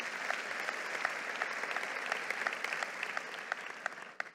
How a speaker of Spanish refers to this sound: Un aplauso a la palabra del Señor.